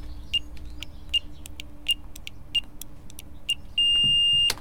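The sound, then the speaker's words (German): Buttons on a door keypad are pressed one after another as the code 1, 3, 0, 5 is entered, each giving a short high beep over faint clicks. A longer, steady confirmation tone follows, then a clack as the door opens. “Gute Idee, ein persönlicher Code. 1, 3, 0, 5.”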